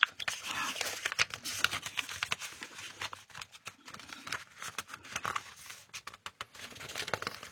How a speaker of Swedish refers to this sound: Då bläddrar jag lite, ska vi se vad vi hittar där.